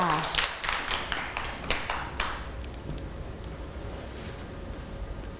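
A burst of scattered hand claps from a group of children applauding a classmate, quick and irregular for about two seconds, then fading into a steady background hiss with faint murmuring.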